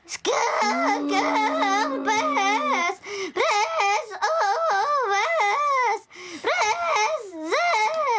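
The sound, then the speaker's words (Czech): A singer vocally imitates how a singer sounds inside a whirring kitchen blender, with a loud, continuous warbling voice whose pitch wobbles rapidly up and down, broken by two brief pauses. “A teď dáme zpěvačku do mixéru, tak nám ukáž, jak to zní, když je zpěvačka v mixéru.”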